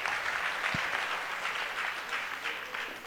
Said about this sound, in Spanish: A los niños del coro, brindemos fuertes aplausos a los niños que estuvieron también por la misa.